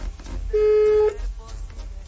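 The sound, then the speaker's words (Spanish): A single steady electronic tone sounds for about half a second, a voicemail tone on an unanswered phone call, over a low background rumble with faint murmuring around it. “Buzón de voz. La llamada se cobrará al terminar los tonos.”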